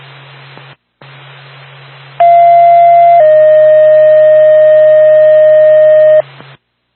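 Radio static with a low hum, then a loud two-tone fire dispatch page for the Woodstock Fire Department, called to a fire alarm activation at Lost River Road in Woodstock: a steady high tone for about a second that drops to a slightly lower held tone for three more seconds before cutting off.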